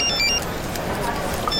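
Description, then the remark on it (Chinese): A phone rings with short, bright electronic tones that repeat in a quick pattern, fading out and returning near the end over a steady, noisy background. “接电话啊！”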